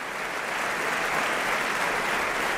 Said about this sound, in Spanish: El público está aplaudiendo a los actores, al coro y a los solistas que nos han ofrecido este nuevo Lohengrin